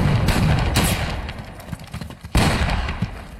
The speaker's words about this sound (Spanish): Y aquí, en medio de los disparos, en una avanzada de las fuerzas norteamericanas, en este elenco también aparecía el señor Luke Skywalker, sí, el mismísimo Mark Hamill, que aquí interpretaba al soldado Griff